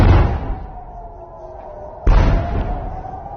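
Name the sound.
heavy explosions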